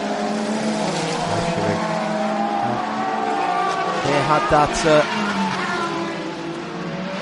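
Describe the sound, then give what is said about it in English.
Race car engines roar steadily on a track during a race including McLarens, the Iron Lynx car and Ricardo Pera's number 92 car, with high revving tones sweeping up and down and a brief burst of louder passes near the middle, while a commentator talks over them. “Ricardo Pera, Kobe Powells, the Bend and the Harta racing car, Ricardo Pera in that number 92 car, Ralph Shaheen, remember.”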